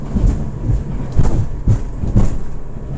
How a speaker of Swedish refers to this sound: nu ska vi ut till den här forskningsstationen och dit åker man med båt